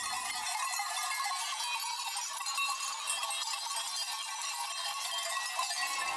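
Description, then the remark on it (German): A flock of sheep climbing a steep ski slope, their many small bells jingling and clanking continuously in a dense, steady wash, with occasional faint bleats and no talking. “Die anderen Schafe scheinen den Aufstieg über die steile Skipiste kaum erwarten zu können.”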